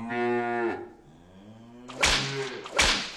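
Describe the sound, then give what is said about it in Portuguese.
A cow lets out a long, loud moo that trails into a lower, drawn-out lowing, then two sharp whip-like cracks snap about a second apart over the fading call. “É, eu acho que quando a gente ouve esse mugido.”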